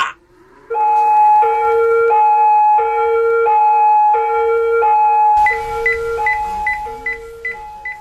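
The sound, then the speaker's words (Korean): A loud, close ambulance siren alternates between two pitches in a steady hee-haw rhythm, then switches to a quicker alternation over a rumbling engine-like noise for the final few seconds. “빨리 구급차 좀 불러주세요!”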